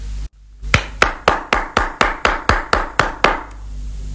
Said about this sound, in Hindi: ऐसे देखा, अब बजी ना ताली। शाबाश।